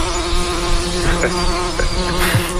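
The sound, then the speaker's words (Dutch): A steady, dense buzzing of bees, like those sought along dikes for research, fills the whole clip, a continuous droning hum with a rich harmonic tone, holding an even loudness with slight swells and no voices. “Jij bent juist allerlei dijken afgestruind op zoek naar die bijen”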